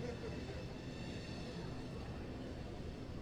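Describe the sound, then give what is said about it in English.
A steady, low rumble of a train rolling past beyond the outfield wall of a ballpark during a baseball game, continuous and fairly faint for the whole stretch with no clear horn or screech. “Little trains going by.”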